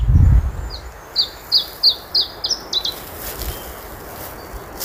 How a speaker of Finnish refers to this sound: Tässä laulaa harvinaisuus. Se on Suomeen harhautunut Iberian tiltaltti.